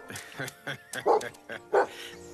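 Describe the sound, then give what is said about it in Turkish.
A dog barks and yips in a quick series of short bursts, with two louder, fuller barks standing out among the higher, thinner yips. “Bir köpek kuyruğunu sallıyorsa mutlu demektir.”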